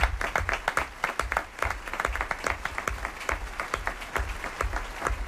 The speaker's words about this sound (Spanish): Así termina nuestra primera función de esta temporada, nuestro primer relato, es el relato carcelario del Quijote de Cervantes. Un aplauso para todo nuestro elenco,